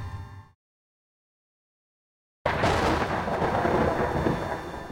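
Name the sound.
thunder rumbling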